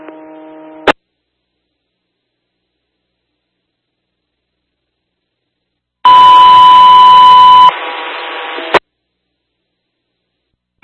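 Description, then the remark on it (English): Monterey radio dispatch alert tones 2 and 3 ahead of a 1400 dispatch level update: a short harmonic tone burst, a long silence, then a loud steady high-pitched tone of about a second and a half that shifts into a lower, buzzier tone before cutting off. “Tones 2 and 3, Monterey 1400 dispatch level update.”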